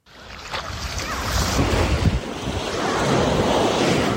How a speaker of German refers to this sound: Wellen rollen an den Strand von Bousnika.